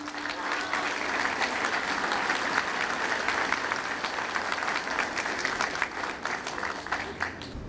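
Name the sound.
audience applause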